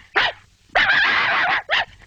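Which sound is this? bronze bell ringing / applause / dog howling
dog howling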